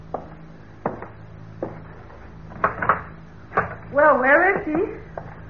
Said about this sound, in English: Ain't you going to open the door?